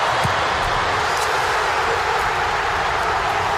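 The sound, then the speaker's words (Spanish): A dense, steady roar of Croatian football fans cheering in the stands after Ante Budimir's goal put Croatia ahead against Panama, holding at a constant loud level throughout with no individual voices standing out. “Así se escuchaba desde la grada croata.”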